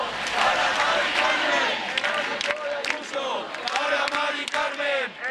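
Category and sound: crowd, protest crowd chanting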